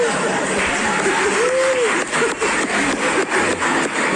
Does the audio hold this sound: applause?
yes